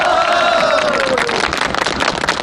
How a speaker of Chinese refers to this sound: 鼓掌，大家